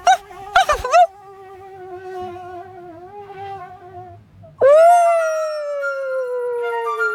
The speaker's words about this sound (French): Voilà, Toudou. Le moustique est parti.